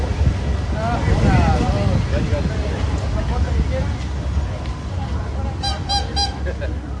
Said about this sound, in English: It's this, the sound of millions of gallons of water exploding to the Earth's surface at Mammoth Spring in northeast Arkansas just a few weeks ago.